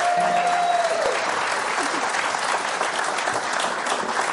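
Steady, loud applause from an audience for a band, a dense wash of clapping that holds at an even level throughout, with a brief tonal note fading out at the very start.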